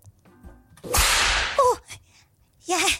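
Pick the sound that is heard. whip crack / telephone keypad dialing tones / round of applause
whip crack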